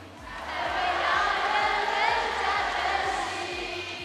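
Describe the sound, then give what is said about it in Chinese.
A large audience in Xiangtan shouts back in unison in response, a dense wall of many voices sustained for several seconds, loud and reverberant, over a steady low rhythmic thump. “真的是声声有回响，句句有回应，好棒啊！”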